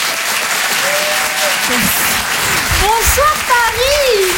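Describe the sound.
Loud, sustained applause from an audience at the Rire et Chanson Comedy Club, welcoming a comedian to the stage, a dense steady clatter of clapping, with a few voices and whoops rising over it.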